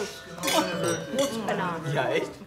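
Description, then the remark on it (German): Wine glasses clink together a few times in a quick toast, bright, with people's voices talking and murmuring over them throughout. “So, ihr Prost, tollen Menschen, Prost, aufpassen.”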